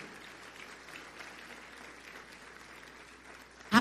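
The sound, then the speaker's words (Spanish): A church audience applauding the Lord, a dense, even wash of many hands clapping at moderate loudness, ending with a brief louder burst at the very end. “¿Quiere aplaudir? Aplauda. Apláudale al Señor.”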